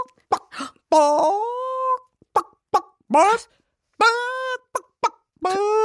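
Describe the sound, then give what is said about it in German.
A person imitates a chicken as an example of a 'courage scream' method, giving a run of short clucks and throaty bursts broken by longer, drawn-out squawking calls, loud, with no other sounds. “Dafür, this week, we have trainiert the Gackern of a Huhn.”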